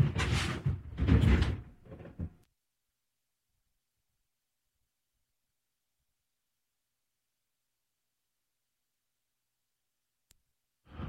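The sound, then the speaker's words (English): A door at a radio station is opened and pulled shut to check the weather outside, making a quick run of loud rattling thumps, followed by a long silence broken only by a faint click near the end. “Just stuck my head out the door to see what the weather was.”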